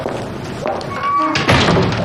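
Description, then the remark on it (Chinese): A door thuds shut partway through, a single dull impact over a low murmur of room noise and faint voices. “哇， 哎，关门关门，”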